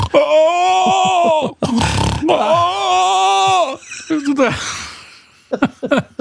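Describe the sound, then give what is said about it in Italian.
A voice imitates a woman's snoring mixed with rattling groans: long, strained, wavering vocal drones broken by breathy rasping gasps, loud, ending in a few short clicks. “Era un misto fra russare e rantolio.”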